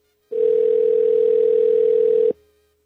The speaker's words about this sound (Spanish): Vamos a ver si nos contesta. Nos vamos a comunicar ya. Vamos a ver si no responde la llamada. Mire qué lenta estoy el día de hoy, ¿eh? Estoy marcando cuidadosamente.